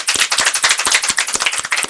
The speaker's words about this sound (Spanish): Pueden aplaudirse, entonces se escuchan, somos varios.